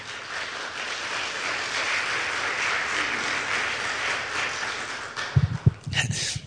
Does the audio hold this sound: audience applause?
yes